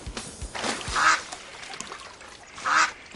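A duck quacks in a few short, raspy bursts spaced over a couple of seconds, clear, with no talking.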